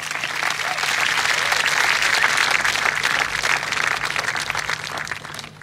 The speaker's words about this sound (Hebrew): אפשר למחוא להם גם כפיים.